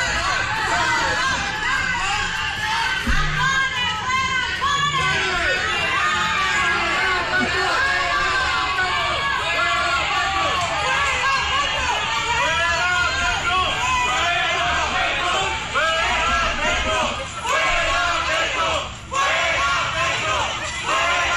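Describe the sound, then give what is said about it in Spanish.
A large crowd shouts and yells at once inside a store in Bogotá at Ecopetrol president Ricardo Roa while he was shopping on a Saturday, a dense, steady roar of overlapping angry voices that stays loud for the whole stretch with no pauses. “Ricardo Roa, en una tienda de Bogotá, pero impresionante la bulla, la gritería. Es que la gente está ofendida.”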